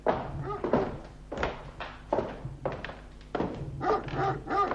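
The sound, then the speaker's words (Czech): A dog barks repeatedly, a quick run of loud, gruff woofs in an uneven rhythm with short gaps between them, and no talking. “Doufám, že mě ten váš ďábelský pes nechá projít.”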